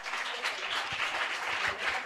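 Steady applause from a crowd, a dense wash of many hands clapping at once with a few sharper claps standing out, sustained evenly throughout.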